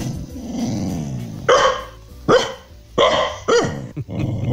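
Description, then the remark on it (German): Carla, a female dog, at home in Hanau, Germany, growls low and steadily, then lets out four loud, sharp barks in quick succession, with the growl continuing between and after them. No one speaks. “Ja, so hört sich Hündin Carla zu Hause in Hanau an.”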